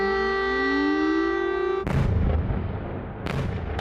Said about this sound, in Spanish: Durante toda la noche las sirenas han sonado sobre la capital ucraniana y las columnas de humo han brotado en toda la ciudad.